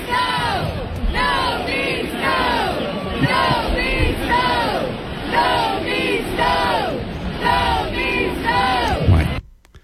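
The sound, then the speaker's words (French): A large arena crowd at a match against Carolina chants "No means no" in unison, repeating it in a steady, loud rhythm with a roaring echo for nearly ten seconds before it cuts off abruptly. “La foule scandait. No means no. No means no. No means no.”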